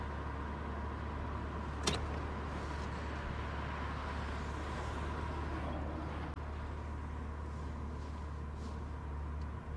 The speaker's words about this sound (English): Look at all this traffic. I'm not sure I can deal with it.